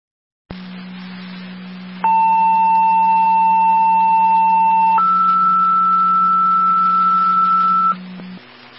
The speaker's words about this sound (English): Additional tones for the fire alarm at Stella Niagara, 4421 on Lower River Road.